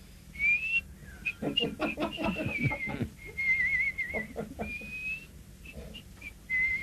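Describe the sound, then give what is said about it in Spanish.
An old man whistles a wandering tune in steady, sustained notes, clear, with intermittent short knocks and rustling underneath as he walks at night with his hands behind his back. “Venlo silbando, carajo, yo dice.”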